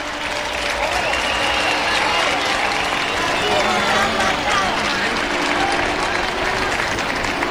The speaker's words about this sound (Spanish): Que se suba a esa embarcación al nuevo San Ramón. Al nuevo San Ramón, así es. La gente que arranca con aplauso.